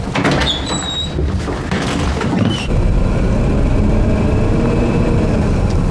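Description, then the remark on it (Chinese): A car's sliding door, opened at a request to the driver, rolls open with a squeaky, scraping glide and then a solid thunk, over the steady low rumble of an idling engine. “谢谢司机师傅。开门。”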